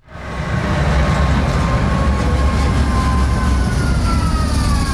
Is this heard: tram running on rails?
yes